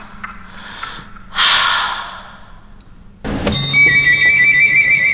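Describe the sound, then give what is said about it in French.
A few breathy gasps and sighs, then a loud mobile phone ringtone bursts in with steady electronic tones that keep going to the end. “On a dit de couper les portables.”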